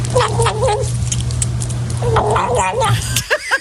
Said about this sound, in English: That is a kitten eating food, gobbling like a turkey. Cute. It's a kitten.